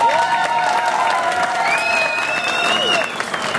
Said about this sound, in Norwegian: Det synes jeg vi skal gi Skarsvåg en applaus for.